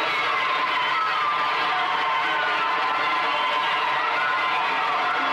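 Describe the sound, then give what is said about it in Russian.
A large audience of children in a theatre auditorium claps and cheers steadily throughout, a dense, continuous wash of applause and excited voices without pause. “Зрительный зал полон детей. Дети хлопают.”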